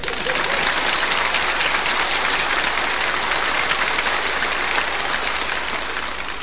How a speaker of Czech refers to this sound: Je to fajn, teď už budou tleskat všemu.